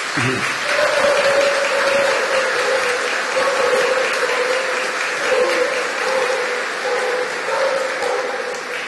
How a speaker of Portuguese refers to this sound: Então, eu quero acolhê-los enquanto comunidade com uma calorosa salva de palmas. Sejam bem-vindos.